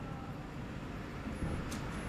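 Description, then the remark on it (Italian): Steady, low rumbling road noise from inside a moving car, a continuous dull drone at moderate level with no voices and only a brief faint hiss near the end. “Sono in auto.”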